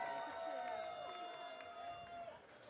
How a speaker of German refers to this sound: Vielen, vielen Dank, riesengroßer Applaus